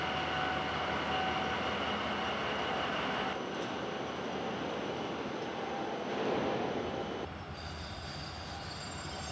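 A heavy loaded freight train weighing more than 500 tonnes spins its wheels on the rails as it pulls away, with a loud, continuous grinding roar, thin metallic squeals riding on top and the sound surging and easing over several seconds.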